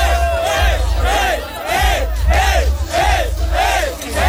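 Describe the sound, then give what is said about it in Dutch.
A large concert crowd screams and cheers in rhythmic waves, rising and falling roughly every half second like a chant, loud and continuous over a deep low rumble. “En dan hoor je mensen je naam schreeuwen.”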